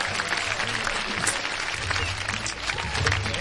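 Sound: applause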